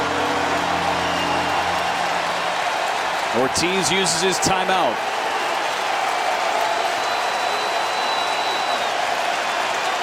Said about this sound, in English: This crowd of 34,564 getting loud.